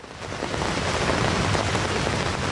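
Steady, heavy rain pours down continuously at a market in Wilhelmsruh, north Berlin, where a woman sits under the orange roof of a small folding pavilion; a dense hiss of drops drumming on a surface, loud and unbroken throughout with no voices.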